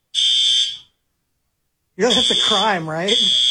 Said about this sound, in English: Can you just pull the fire alarm? No way.